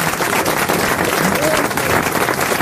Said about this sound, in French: Vous pouvez applaudir Marc-Antoine Lebré.